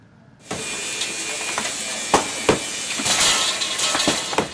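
A heavy hammer strikes concrete blocks in a handful of sharp, irregular impacts, each a crisp crack rising above a constant hissing, rasping background noise. No one speaks.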